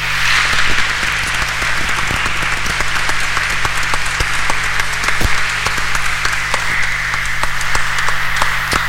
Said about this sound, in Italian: Ora anche a loro facciamo un grande applauso.